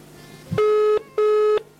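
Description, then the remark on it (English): A phone ringback tone sounds twice, two steady electronic buzzing bursts of about 0.4 seconds each separated by a short gap, clear and fairly loud with no voices. “So, oh, it's ringing.”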